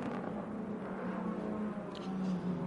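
A race car driven by Esterson drones steadily as it dives into the pit lane, a low humming engine tone with small pitch shifts that holds at an even, moderate level throughout.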